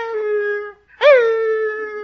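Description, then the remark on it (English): A voice imitates the howling whimper of a little female retriever puppy: a long, steady whining tone, a brief pause, then a second loud cry that swoops upward and holds. “Well, every time I started to leave, that little puppy went...”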